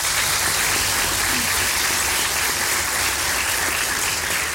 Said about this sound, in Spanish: se vale aplaudir, muy fuerte.